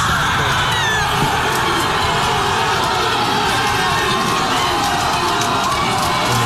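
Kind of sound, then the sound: crowd, crowd cheering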